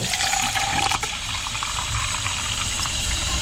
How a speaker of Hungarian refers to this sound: Még akkor öntsünk hozzá vizet, mert még kell majd hozzá. Egyszerű csapvíz is jó hozzá.